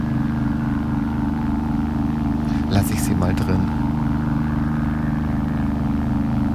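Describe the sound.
A steady, low rumble of street traffic hums throughout as cars drone past on the Veteranen street, with wind in the leaves and a little music from a burrito stand's speakers, while someone speaks briefly in the middle over the continuous noise.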